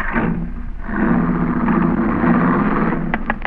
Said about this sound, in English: What's that noise, Cash? Huh? Oh, there's a dame in the back seat hammering on the glass partition.